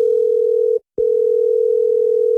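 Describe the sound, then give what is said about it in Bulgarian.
A mother's telephone rings on with no answer, heard as a steady, loud electronic tone that breaks off briefly and then resumes, unchanging. No voices. “Майка ви отново не си чува телефона.”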